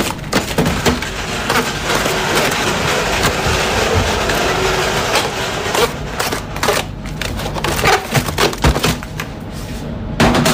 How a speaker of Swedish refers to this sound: Kycklingfärs och kål. Kycklingfärsen började rivas upp och hällas ner i en bunke.